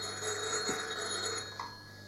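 A telephone bell rings steadily throughout, a sustained metallic trill at moderate volume with no one speaking over it.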